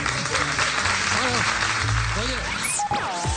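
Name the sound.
audience applause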